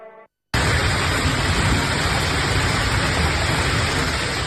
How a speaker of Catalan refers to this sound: Així sonava la calamarsada que queia aquest dilluns al vespre a Tarragona, una tempesta que ha inundat carrers, baixos i comerços i que ha fet caure diversos arbres, afectant la mobilitat.